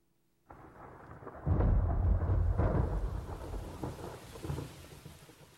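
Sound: thunderstorm with rain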